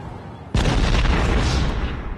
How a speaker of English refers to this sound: Oh no, oh crud. I think my car just exploded.